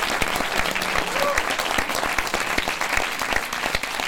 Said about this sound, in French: Tous vos applaudissements.